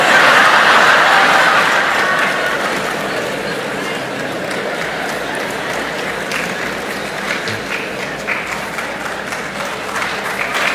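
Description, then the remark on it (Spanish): Men in an audience applaud in a dense, steady patter of many hands clapping, loudest at the start and easing slightly as it continues for about eleven seconds, with no voices over it. “¿Ahora son los hombres?”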